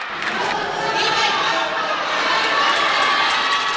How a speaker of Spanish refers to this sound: Gritos de viva el Papa para recibir a León XIV en su primer viaje apostólico a España